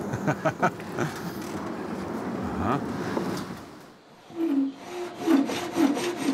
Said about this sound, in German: Eine Sägemühle aus dem Jahr 1876. Und sogar im Original erhalten.